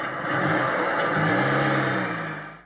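A petrol car engine revs up loudly, its pitch climbing in a steady drone over a couple of seconds before easing off at the end.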